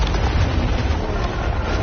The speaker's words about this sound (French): Et au loin, on entend des cris. La corniche sur laquelle on était il y a 40 minutes s'effondre.